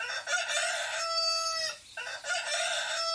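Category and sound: bird, rooster crowing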